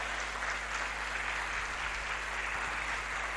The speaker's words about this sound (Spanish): ¿Podemos aplaudir al Señor?